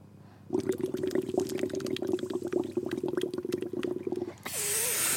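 Steady liquid bubbling with a low gurgling hum and rapid pops lasts about four seconds, then cuts off into a loud, breathy rushing hiss.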